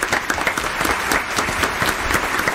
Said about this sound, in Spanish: Sí, si puede subir al escenario. Un aplauso para esta joven.